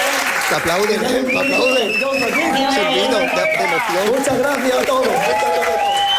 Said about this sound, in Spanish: Te aplauden. El aplauso del público como que engancha, ¿no?